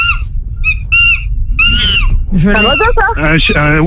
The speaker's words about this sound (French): Un Wistiti. Ouais, c'est accepté, le Wistiti. Un singe.